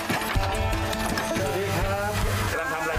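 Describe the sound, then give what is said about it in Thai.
A machine pounding rice flakes (khao mao) in a village knocks in a steady, rapid rhythm, its hollow wooden thuds repeating throughout, while people talk over the clatter. “เราเดินไปในหมู่บ้านก็จะได้ยินเสียงเครื่องทำข้าวเม่าป๊อกป๊อกแป๊กแป๊กตลอดเวลา”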